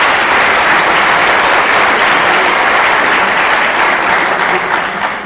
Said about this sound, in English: Have we had a great afternoon this today? Yes. Can we give a big clap for all the people?